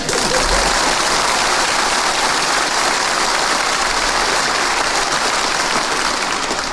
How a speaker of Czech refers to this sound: Je to fajn, teď už budou tleskat všemu.